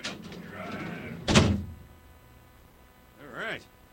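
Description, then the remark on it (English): A heavy door rumbles briefly along its track, then shuts and is locked with one loud metallic clunk. A short voiced sound follows a couple of seconds later. “Go and lock in the big-ass door. Hey, big-ass door. There it is.”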